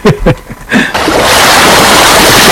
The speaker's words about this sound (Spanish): Olas. Muy bien, correcto. Olas, el mar, sí, muy bien.